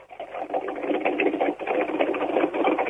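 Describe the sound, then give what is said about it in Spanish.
A Turismo Carretera race car engine, Helio Craparo's Mustang from the Moriarty team, runs steadily in the pits at Rafaela: a dense, rapid buzzing drone with a slight rattling pulse that holds loud and unbroken throughout, with no voices over it. “Un motor en marcha, el Helio Craparo, el Mustang levantado en el equipo de Moriarty.”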